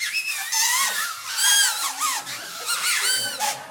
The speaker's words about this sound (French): Hier après-midi, nous avons ouvert la page de mon livre Instruments de musique en papier et carton à la page 1 et nous avons réalisé un premier bruiteur qu'on appelle le sifflet. Puis-je entendre un sifflet pour ceux qui ont reçu leur sifflet?